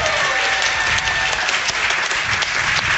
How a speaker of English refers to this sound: My parents just walked in the door. How nice is that? Everybody give my mom and dad a round of applause.